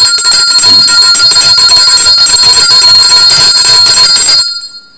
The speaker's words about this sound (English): And let me ring my bell.